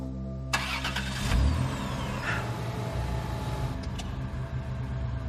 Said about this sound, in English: The car just started.